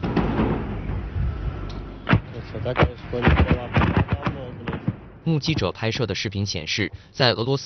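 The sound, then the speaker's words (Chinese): A rapid series of violent explosions as multiple drones strike a building in Tambov region, western Russia: loud sharp booms and blasts crackling one after another, followed by a voice speaking while a few more bangs break through. “目击者拍摄的视频显示，在俄罗斯西部坦波夫州，多架无人机攻向当地一处建筑物，不断传出剧烈爆炸声。”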